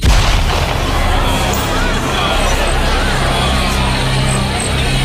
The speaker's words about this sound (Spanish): ¿Qué? ¿Qué ha sido eso? Parecía un trueno o el rugido de una bestia.